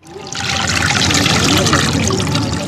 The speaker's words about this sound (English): soaks a large cotton fabric into the water-filled, 500-year-old concrete hole.